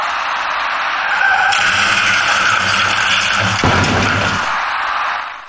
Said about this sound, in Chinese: 事故发生之前，驾驶那辆银色小客的司机未能有效控制行驶方向，造成银色小客的左侧轮胎竟然骑上了主辅路之间的一排花箱，而后一路向南甩了出去。